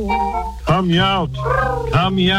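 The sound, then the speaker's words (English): A person's voice imitates a cat, producing a few drawn-out, whiny meows with rising and falling pitch, fairly loud. “Hum meows, my pretty kitten.”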